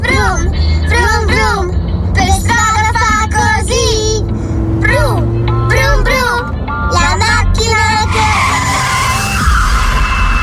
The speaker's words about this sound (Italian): Brum, brum, brum, il motore che ruggisce.